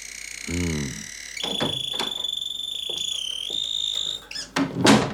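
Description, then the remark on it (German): A door creaks open as someone enters through the unlocked door, then a steady electronic tone rings for a few seconds while muffled bumps and movement sound, ending with a couple of louder rustling clatters. “Da habe ich mir schon gedacht, dass Sie da sind, weil die Tür nicht zugesperrt war.”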